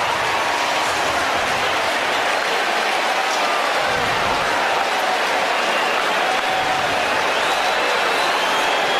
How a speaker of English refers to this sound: Listen to this crowd. Usually their PCA chants, now their MVP chants.